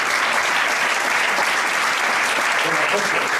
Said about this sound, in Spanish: Un aplauso también.